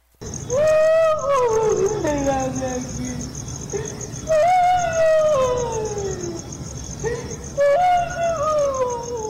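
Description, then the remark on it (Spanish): Loud, heart-rending wailing cries, three long drawn-out howls that rise and slowly fall in pitch, each separated by brief pauses, with a steady high background hiss and low rumble beneath. “un llanto desgarrador, un llanto sumamente fuerte, desgarrador, los perros se alteran y cuando pasa cerca a los perros, no sé si escuchan que ella les hace un gruñido a los perros también.”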